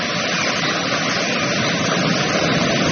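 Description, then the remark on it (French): The Rivière d'Argent (Silver River), an underground river at the Grotte du Diable coming from the lake of Huelguat, falls several metres and winds between rocks, cascading in a steady, dense roar of rushing water, loud and unbroken, holding an even level throughout with no voices. “Vous entendez, elle vient du lac de Huelguat et chute de plusieurs mètres, serpente ensuite entre les rochers.”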